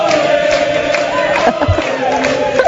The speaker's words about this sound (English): We start with Quebec Liberals cheering like they just won the World Cup.